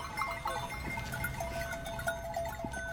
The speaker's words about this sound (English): It's slightly surreal that we're on the edge of an airport and there's just been a flock of sheep that's come past. This is a farming area, isn't it? It's quite normal that to have livestock.